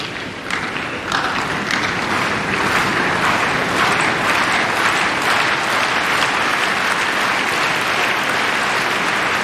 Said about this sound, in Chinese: 现场的这一段掌声啊，有点打乱了科斯丘克发球的准备。